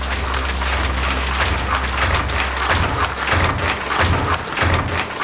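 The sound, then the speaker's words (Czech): Weaving looms clatter in a dense, continuous mechanical din, with a steady low hum underneath and rhythmic thudding pulses that repeat through the second half. “Děda řekl, že jsou to tkadleny.”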